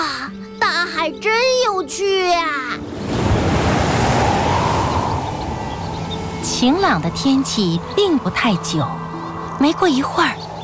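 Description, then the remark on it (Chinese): A loud, roaring rush of ocean waves whipped by a strong wind that has risen over the sea, throwing up huge waves, swells in after a voice, then keeps churning steadily in the background while people talk over it. “晴朗的天气并不太久，没过一会儿，海面上便起了大风，海浪也掀起了巨大的波涛。”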